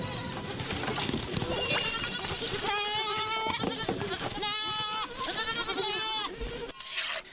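A herd of goats bleats loudly, several quavering, high-pitched calls overlapping one after another over a dense, busy background of shuffling and commotion.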